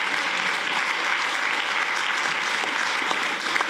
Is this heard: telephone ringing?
no